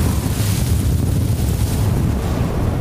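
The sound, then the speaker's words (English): Strong Gobi desert wind, gusting up to 70 miles an hour with a wind chill near minus 50, roars steadily. It buffets the microphone with heavy low-end rumble and a broad hiss that never lets up. No voices, just continuous loud gusting. “for about the past 24 hours, we've been experiencing the Gobi winds. It's been gusting up to 70 miles an hour all night”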